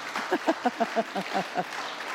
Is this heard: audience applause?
yes